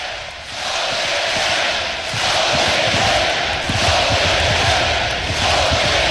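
crowd, stadium crowd cheering

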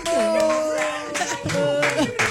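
crowd, applause

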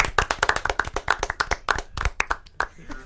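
crowd, people clapping hands

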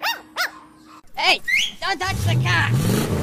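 vehicle, car engine revving

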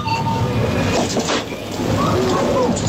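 machine, coin-operated vending machine dispensing

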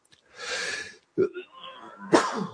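human body sound, sneeze

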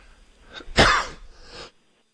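human body sound, cough into the microphone

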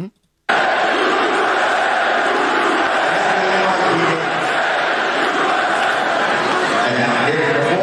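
crowd, crowd chanting USA

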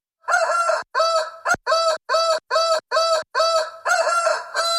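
bird, rooster crowing

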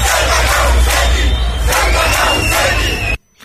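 crowd, protesters shouting

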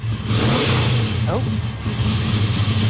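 vehicle, car engine revving

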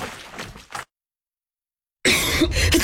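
human body sound, person coughing

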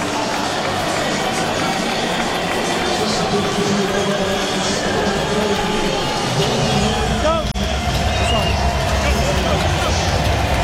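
crowd, stadium crowd cheering

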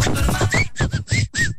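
human body sound, human whistling

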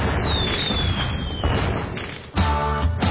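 sound effect, fireworks exploding

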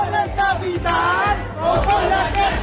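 crowd, protest crowd

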